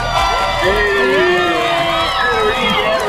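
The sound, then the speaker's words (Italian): A dense crowd cheers and whoops continuously for a contestant who won a backpack by correctly answering a question about a concert, many voices shouting at once in a loud, steady roar with rising and falling pitched yells, and faint clapping blended into the din. “Applausi per te!”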